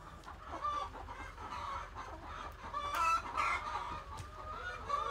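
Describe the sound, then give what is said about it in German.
A flock of egg-laying hens clucks and chatters continuously at a steady, moderate volume, with overlapping calls from several birds and no one speaking; their enclosure has protective nets against eagles. “Wenn wir jetzt die Fangnetze nicht da und da haben würden, würden die direkt auf Hühner losgehen.”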